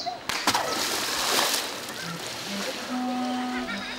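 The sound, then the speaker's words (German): A deep-frozen treat is tossed into water with a sharp splash, followed by a second softer sloshing burst, while faint voices and low tonal hums continue in the background. “Das werden wir jetzt ins Wasser werfen”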